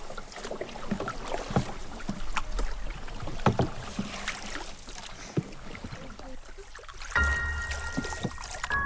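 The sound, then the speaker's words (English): Water sloshes and splashes repeatedly in a swamp as someone plays in the water, with paddling-like strokes and trickling; a brief tonal hum appears near the end. Fairly loud and continuous, with no clear speech. “playing in the water. Absolutely loved it. But I got wet.”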